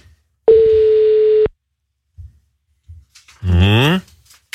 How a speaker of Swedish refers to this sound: Vi ringer rätt nu, hoppas vi. Håller vi tummarna för att hon svarar?